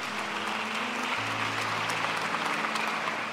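An audience in a church applauds the Holy Cross in a dense, continuous wash of clapping that holds steady for about three seconds, with a low droning hum running underneath and deepening partway through.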